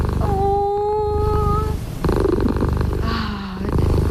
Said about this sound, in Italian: È vero che hanno un potere terapeutico queste fusa, se prenditele tutte,